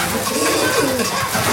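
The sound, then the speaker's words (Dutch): Pigeons coo in a low, throaty warble, several birds overlapping in a continuous murmur as they return to their pigeon loft overhead, steady with no talking. “Boven ons horen we de duiven meteen weer terugkeren in de til.”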